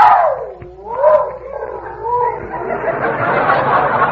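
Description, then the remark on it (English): A dog howls in a long, wavering tone that dips low and swoops back up, then trails into a rougher, breathier drawn-out wail, with no one talking. “Not if he keeps howling like that, he won't.”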